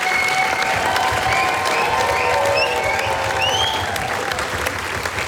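Sustained, dense applause from an audience after a concert dress rehearsal in Slovenske Konjice, Slovenia, steady clapping throughout with a few faint whistles or cheers rising above it, and no talking.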